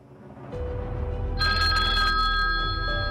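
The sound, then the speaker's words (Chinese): An old-fashioned telephone bell starts ringing partway through, a loud, rapid metallic trill over a low rumbling background, with no voices: Chicherin's call at 1:15 a.m. on 16 April that woke Count Rathenau from his sleep. “4月16号凌晨1时15分，齐切林打电话将拉特瑙伯爵从睡梦中叫醒”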